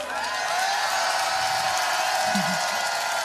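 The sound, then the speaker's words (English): A dense wash of live concert crowd applause and cheering, greeting the introduction of the band's bass player, holds steady and loud for the whole stretch, with clapping blurring into a continuous roar and scattered voices rising within it. “Please give it up for Sparrow on the bass.”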